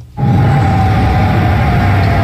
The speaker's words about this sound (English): Air raid sirens sound in Amman, Jordan last night. Jordanian military officials said they had shot down three Iranian missiles with no material damage or casualties.